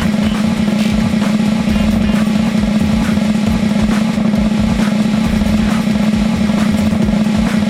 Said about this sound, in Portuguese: Esse tambor não para de tocar não, hein? Mais uma vez, um aplauso! Os tambores! Maravilha!